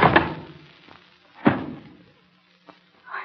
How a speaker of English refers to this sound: What did I do? Hit him so hard. Candlestick heavy in my hand.